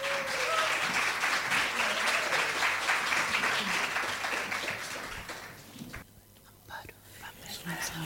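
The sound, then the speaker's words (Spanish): An audience claps steadily for about six seconds to welcome a female guest, a dense crackling wash of hands that then thins out and fades into scattered claps and quiet. “Un gran aplauso, por favor, para recibirla.”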